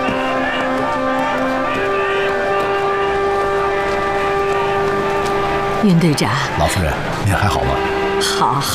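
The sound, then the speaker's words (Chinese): A ship's steam whistle sounds one long, steady, loud blast lasting several seconds at Yingkou, as arriving travellers get ready to board, then cuts off as voices and general bustle take over. “是轮船的汽笛，哎呦，到了，真的到了！”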